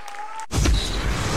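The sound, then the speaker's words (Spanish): A brief steady tone gives way to a sudden burst of loud applause that keeps going as a dense wash of clapping until the end. “Fuerte el aplauso, che.”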